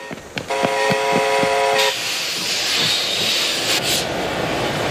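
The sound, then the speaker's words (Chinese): A train horn blares for about a second and a half, then cuts off into a steady, loud roar of rolling wheels and engine noise as a train from the Soviet Union pulls into the station at Manzhouli, China, carrying the first set of SA-2 missile equipment. “终于，一列由苏联开过来的火车进站了，车上装的是中国将得到的萨姆二兵器中的第一套。”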